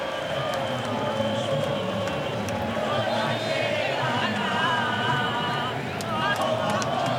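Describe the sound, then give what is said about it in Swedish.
A dense, steady roar of a large crowd of Argentine football supporters in a stadium in Kansas, USA, late at night during extra time of a match against Switzerland, many voices blending into chanting and singing that swells slightly midway. “Argentinska supporter, ni hör, sjunga och jubla.”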